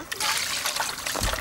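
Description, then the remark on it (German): Water is poured out for Noran, a little wolf, on a hot day: a steady, splashy trickle for about a second and a half, a broad hissing spatter with a heavier splash near the end. “Hier ist ein bisschen Wasser für ihn.”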